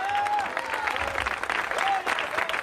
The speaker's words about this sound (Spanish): Denle un aplauso al Señor, pues.